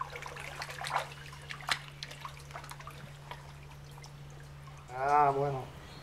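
Water splashes and drips as live fish, food for jaguars, are tipped into the stream of a lush jaguar enclosure, a burst of uneven splashing followed by quieter trickles over a steady low hum, ending with a brief warbling tonal sound.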